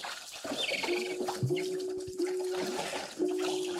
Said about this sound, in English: Walrus are vocal, and their distinctive gonging and belling calls carry underwater and can be heard above the water as well.